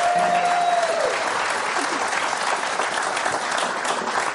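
A crowd applauds a band steadily, a dense wash of clapping that holds at an even, loud level throughout, with a brief held tone fading out in the first second.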